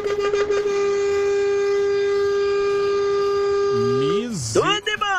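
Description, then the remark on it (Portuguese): A truck horn, honked as a greeting to everyone on the road, blares in one long, unbroken, steady-pitched blast for about four seconds. Its tone then wavers and bends down and up before cutting off. “Misericórdia, não economizou nem um segundo da buzina, rapaz.”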